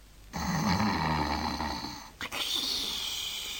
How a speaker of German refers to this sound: Da hörte er plötzlich neben seinem Kopfkissen Schnarchgeräusche.